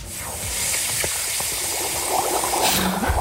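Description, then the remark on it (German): A person's feet are put into water, stirring up a steady churning and bubbling that fills the whole stretch with a bright, hissy wash, with no voices. “Soll ich mal zeigen, wie das gestern klang, als ich meine Füße ins Wasser getan habe?”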